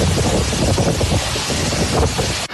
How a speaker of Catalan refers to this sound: Ara, allà, la pluja va acompanyada de ratxes de vent superiors als 140 km per hora. És el que ha passat a Sumacàrcer, a la comarca de la Ribera Alta.